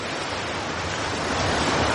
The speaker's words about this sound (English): Now let's listen to some ocean.